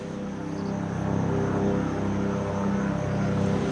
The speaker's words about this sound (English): A helicopter is arriving. It looks like it's dropping off a group of emergency workers.